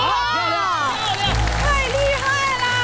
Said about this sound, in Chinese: 这真是一箭成名，如果成功掌声继续。